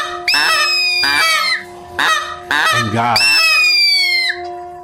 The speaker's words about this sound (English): And the birds that flitter and fly and twitter and tweet in the air.